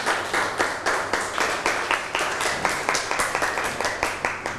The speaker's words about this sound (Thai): นั่งลงครับปรบมือให้เพื่อนหน่อย